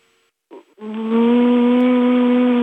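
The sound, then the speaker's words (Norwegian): A person imitates with their voice a car engine with an automatic gearbox shifting gears: a short sputtering rev, a brief pause, then a loud, buzzing hum that holds and slowly climbs in pitch. “Du må løsrive deg helt fra den tanken nå, og så må du bare tenke, nå er jeg en bilmotor.”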